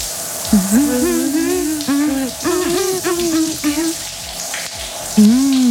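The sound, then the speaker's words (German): Steady hiss of shower water running throughout, with two people singing a song under the shower, a wavering melody in short phrases, fairly loud. “Deswegen, Leute, wir hören noch mal weiter unter die Dusche rein.”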